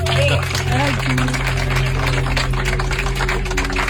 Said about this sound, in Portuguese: E vamos fazer todos aqui uma coisa. Mas uma salva de palmas para as mães que estão aqui todas. Vá lá.